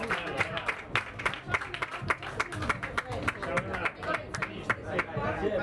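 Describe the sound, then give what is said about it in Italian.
A crowd applauds the presentation of the philatelic postmark for the 40th edition of the Vele di Imperia, with many overlapping claps forming a dense, continuous patter at a fairly even loudness, with faint murmuring voices mixed underneath. “Ed eccolo, con un applauso, annullo filatelico della 40ª edizione delle Vele di Imperia.”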